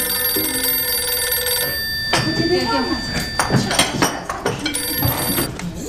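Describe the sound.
A telephone rings in two bursts, a long electronic trill at the start and a shorter one near the end, while voices talk and move about between rings; the call is for the factory director.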